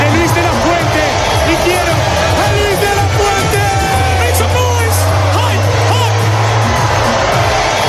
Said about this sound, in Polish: Na ulicach Madrytu trwa wielka feta po zdobyciu przez Hiszpanię tytułu Mistrza Świata. Złotych medalistów mundialu jadących odkrytym autobusem witają setki tysięcy kibiców.